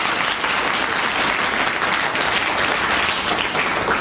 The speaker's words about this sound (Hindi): तो फिर once more एक बार उनके लिए जोर से ताली बजाओ भाई.